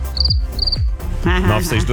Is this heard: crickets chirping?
yes